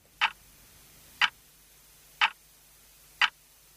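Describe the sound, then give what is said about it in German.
An unusual wall clock hanging in the foyer of the Columba, with weekdays instead of hours on its dial, ticks softly and steadily, barely audible: four evenly spaced clicks about a second apart, heard alone against a quiet hum. “Kaum hörbar tickt sie, diese ungewöhnliche Uhr.”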